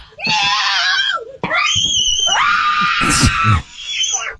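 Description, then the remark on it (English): Several family members scream in panic after the family dog, Chico, brought a live armadillo into the house: loud, long high-pitched shrieks overlapping across a few seconds with only a brief break in the middle. “Why is this family screaming like this?”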